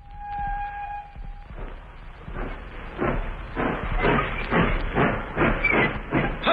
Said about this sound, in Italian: La nostra scherzosa locomotiva si sta avviando. Dove ci porterà? L'avventura comincia.